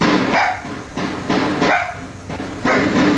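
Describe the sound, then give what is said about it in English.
A neighbor's dogs bark repeatedly in quick, loud bursts in Pikesville, captured through a tinny, hissy outdoor security camera microphone with a steady background noise and no one talking. “A security camera captured the sounds that sent a neighbor's dogs running.”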